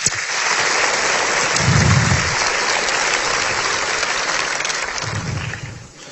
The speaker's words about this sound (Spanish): Digan amén a eso en esta tarde y dale un aplauso al Señor. Vamos, fuerte, fuerte ese aplauso.